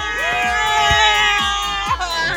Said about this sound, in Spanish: Y venga ese grito de Guadalajara.